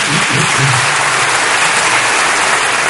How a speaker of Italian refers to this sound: E su quello che è un po' il cardine di questa Costituzione tuttora in vigore, quello dei diritti sociali, c'è un applauso di una parte dell'aula, almeno per il fragore che si è sentito da qui, ma non si è vista l'immagine.